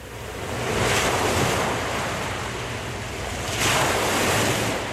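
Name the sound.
ocean waves breaking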